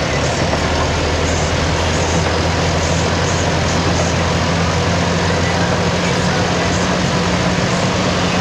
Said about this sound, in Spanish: Bueno, nos envía un video, por eso se escucha de fondo también el sonido del vehículo, algo de lluvia.